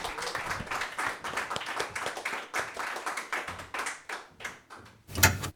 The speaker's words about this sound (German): Applaus.